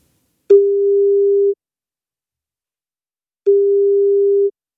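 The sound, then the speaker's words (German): A telephone tone while a presenter at radio station Gong 96.3 calls someone: two steady, mid-pitched beeps, each about a second long, separated by a couple of seconds of silence, with no talking. “Und ich muss kurz jemanden anrufen.”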